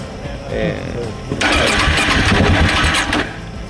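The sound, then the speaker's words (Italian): A motorcycle engine cranks for about two seconds, a loud, rough, churning whir that stops without the engine catching because the fuel pump has overheated and no fuel arrives. A voice is heard briefly before it. “Qual è il problema di questa moto? Secondo me è andata in termico la pompa e non arriva più benzina.”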